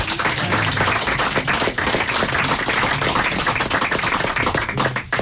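A crowd applauds steadily, dense overlapping claps forming a loud, continuous wash of sound with no pauses and no one speaking.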